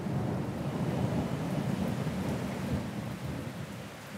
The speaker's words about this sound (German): Sommerregen oder Regensommer? Ich glaube, die Frage stellt sich gar nicht. Für uns heißt das auf alle Fälle Zwangspause. Grummelt ganz schön, Blitz und Donner sind auch dabei.